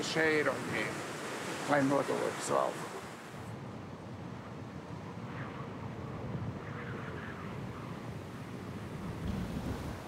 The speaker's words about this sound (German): Meeresrauschen in Westwindlage.